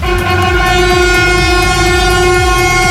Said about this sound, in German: Genau, und dann habe ich noch einen angekündigten ICE abgewartet. Das war ganz cool. Da haben die BauarbeiterInnen oben an der Strecke, die haben gewunken und da hat der Zugführer die schön zurückbegrüßt.